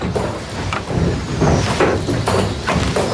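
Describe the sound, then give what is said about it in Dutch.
Heavy wooden machinery of a drainage windmill pumping water from a polder in a peat area stamps and thumps in a steady rhythm, a loud clunk roughly every second over a continuous creaking, grinding rumble, with no talking. “Het is een heel ritmisch apparaat. En je hoort zo dat gestamp en dat gebonk.”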